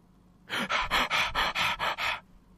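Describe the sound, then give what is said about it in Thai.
A voice imitates asthmatic wheezing and panting: seven rapid, breathy gasps in a steady rhythm, fairly loud, with no talking; mimicking a man's asthma-like attack. “เป็นหืดหอบเลย”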